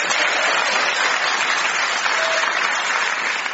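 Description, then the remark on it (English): An audience at a panel show recorded at a prison applauds the panel, Joe Caulfield and Clive Anderson, steadily, a dense wash of many hands clapping at an even, fairly loud level throughout, with no voices on top. “Please clap your hands if you're not shackled to a screw for Phil Jupiter's Joe Caulfield and Clive Anderson.”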